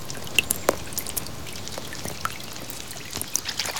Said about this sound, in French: Un jour, il entend. Oh, il pleut, dit Malo. La pluie tombe doucement sur la terre.